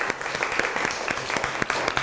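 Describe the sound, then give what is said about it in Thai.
A group applauds steadily for about two seconds for group 2 after its presentation in a class, with dense overlapping claps at a moderate, even level and no one speaking. “ตอนนี้ขอเสียงปรบมือให้กลุ่มที่2ครับ”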